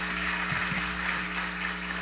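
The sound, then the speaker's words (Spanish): An audience applauds during a sermon, clapping for 'the buyer' of the precious pearl, a steady, dense wash of clapping that holds at an even level for about two seconds without any voices on top. “Un fuerte aplauso para el comprador.”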